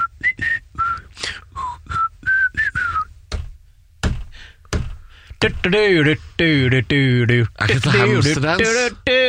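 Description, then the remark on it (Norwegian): Someone whistles a bouncy cartoon melody, the rooster's tune from Robin Hood, in short, clear high notes, followed by a stretch of lively, warbling, sped-up vocal-like tune with strong harmonics. “Men dette dette jo hanen fra Robin Hood”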